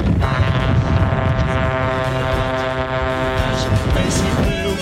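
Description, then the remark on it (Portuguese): Several car horns blare loudly at once, overlapping in a long continuous honk that barely lets up, filling the whole moment with a noisy, celebratory din as people honk together in a horn-honking rally. “E a galera buzinando com tudo aqui na Band.”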